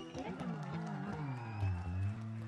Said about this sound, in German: Einen riesigen Applaus an meine Tänzerinnen!